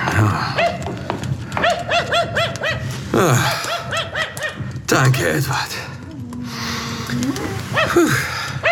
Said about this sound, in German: Versuchen Sie dann auch, den Hund etwas zu beruhigen.